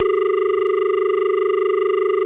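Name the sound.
phone line tone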